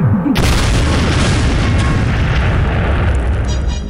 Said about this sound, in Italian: Ma che cazzo è successo? Hai lasciato il gas aperto, brutta scimmia cane? Mamma mia, che botta! Che male alla testa! Mea, che disastro! È scoppiato tutto, Ned!